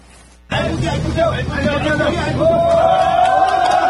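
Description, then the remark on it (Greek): A crowd of rescue workers bursts into sustained applause after a sudden start, the clapping mixed with loud chatter and voices, growing steadily fuller over a few seconds, as a person is pulled alive from the underground tunnel of a hydroelectric power station in Nepal, nine days after catastrophic floods. “Τα σωστικά συνεργεία ξεσπούν σε χειροκροτήματα.”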